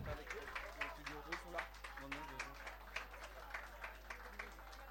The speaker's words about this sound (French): Un grand merci à vous toutes et tous, on peut vous applaudir.